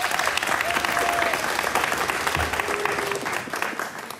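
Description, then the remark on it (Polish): Steady applause from an audience welcoming a performer onto the stage, a dense crackle of many hands clapping at a fairly loud, even level, tapering off slightly at the end. Nobody speaks over it. “Wielkie brawa dla Antka.”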